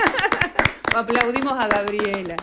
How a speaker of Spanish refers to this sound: ¡Bravo! Y él se aplaude también.